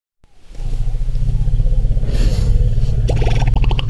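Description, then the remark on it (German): Deep, throaty rumbles from wild African elephants greeting each other, a continuous low pulsing drone that swells and overlaps, with a brighter, rougher call rising near the end. “So klingt es also, wenn wildlebende Elefanten sich zum Beispiel begrüßen.”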